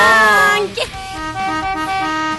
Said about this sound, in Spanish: Toque esa bocina, señor.